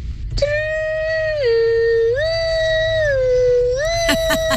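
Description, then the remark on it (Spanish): A child's voice imitates the siren of their fire truck, a steady high wail that drops to a lower pitch, climbs back, dips again and rises, lasting about four seconds, with a few clicks at the end. “y te voy a enseñar cómo suena mi camión de bomberos.”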